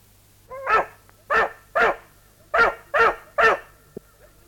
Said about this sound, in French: Viens ici, Biondi! N'y touche pas! Tu n'as pas honte, vilain chien? Couchez! Veux-tu? Couchez!